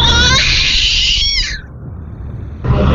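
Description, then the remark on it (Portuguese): A voice imitates cats fighting on a roof, letting out a loud, harsh yowling screech with wavering high harmonics that glides downward and breaks off, followed by a brief lull and a burst of noise. “A habilidade do gato brigando em cima do telhado.”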